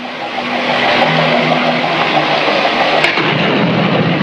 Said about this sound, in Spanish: ¡Ah! Comienza a llover. ¡Despierten! ¡Despierten! Mucho me temo que tendremos que luchar contra la tormenta.